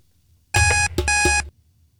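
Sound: alarm beeping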